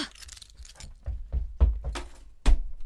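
Keys jangle briefly as someone grabs them, then a few heavy thuds follow in quick succession as they run out, ending with a loud door slam behind them that booms with a deep low thump.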